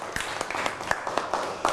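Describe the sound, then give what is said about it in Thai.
A short burst of applause from students in a classroom clapping for a classmate, with many hands clapping in a quick, uneven patter at moderate volume and no one speaking over it. “อ๋ออ่ะนั่งลงครับปรบมือให้กับเพื่อน”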